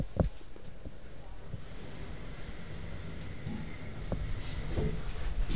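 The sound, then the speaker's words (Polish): Elevator doors slide shut over a steady low hum and airy background noise, ending in a couple of soft thuds as they meet, after the button for the third floor has been pressed. “Drzwi się zamknęły.”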